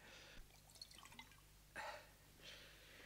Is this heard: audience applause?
no